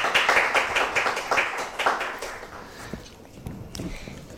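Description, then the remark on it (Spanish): A short burst of applause from a small group welcoming a guest artist from Tomé on a G-Visión programme, brisk overlapping claps that thin out and fade after a couple of seconds into quieter room noise. “Un aplauso para él, gracias por estar con nosotros.”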